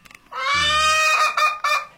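Birds honking loudly: one long, drawn-out nasal honk followed by two shorter honks in quick succession, with no talking.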